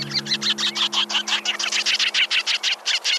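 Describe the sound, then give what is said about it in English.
Sanderling, a sandpiper, calls: a rapid, steady run of about twenty short, sharp chip notes, fairly loud, with a faint low hum beneath and no voices. “And my number one sandpiper, the sanderling.”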